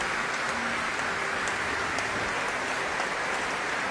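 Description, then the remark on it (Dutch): Sustained applause from a large audience for the choir members at a concert, a dense steady patter of many hands clapping at an even level throughout, with no voices standing out. “En daar klinkt het applaus voor de koorleden.”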